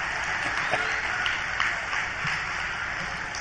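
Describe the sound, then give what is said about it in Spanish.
Steady applause from a crowd fills the moment, a dense wash of many hands clapping at an even level with scattered sharper claps poking through. “Aplaudan, yo espero, ¿eh?”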